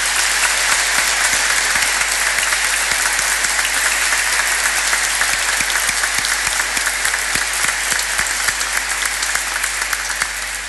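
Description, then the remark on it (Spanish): An audience applauds steadily for about ten seconds to thank the firefighters who formed a guard of honour. It is a dense, sustained wash of many hands clapping at once with no voices standing out, even in loudness from start to finish. “Hoy damos gracias también a los bomberos que han hecho la guardia de honor a nuestra madre. Un fuerte aplauso.”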